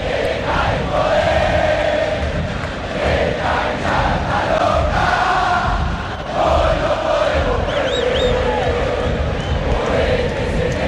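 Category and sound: crowd, football stadium crowd chanting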